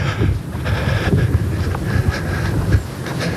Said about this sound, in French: Là, il y a un vent mauvais qui fouette en face du grand hôtel et des bistrots fermés de la digue de Dunkerque.